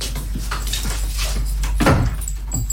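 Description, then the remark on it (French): A door being locked with a key: a brief jingle of keys, then a solid clunk of the bolt, all over a low steady background hum. “Ferme la porte à clé, hein, on va s'installer à côté.”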